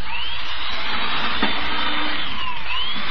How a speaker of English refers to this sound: Look at it drill holes through this board. Oh, it drills too fast.